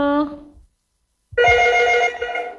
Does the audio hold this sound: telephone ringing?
yes